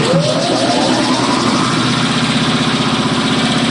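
A sandblasting machine at Maine Memorial Company, switched on to sandblast a stencil, whirs to life, a rising motor whine in the first second giving way to a loud, steady mechanical drone with rhythmic low pulsing and broad hissing noise throughout.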